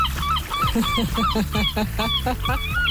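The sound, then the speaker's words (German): Several seagulls scream in quick succession, their harsh, falling cries overlapping loudly over a steady low rumble for the whole stretch. “Und die Möwen schreien.”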